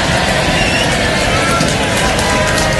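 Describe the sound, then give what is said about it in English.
As a practice, the left side of the room's audience at a stage show breaks into a loud, steady round of applause, dense overlapping clapping that holds an even level for about three seconds without letting up. “Let's get a little bit of round of applause.”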